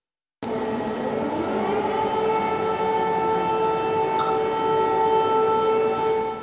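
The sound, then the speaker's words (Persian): A loud, sustained air raid warning siren wails steadily with layered tones during a civil defense emergency drill at a hotel in the Songpa district of Seoul. It starts abruptly after a brief silence and holds on continuously without any talking. “آژیر خطر در قلب سئول.”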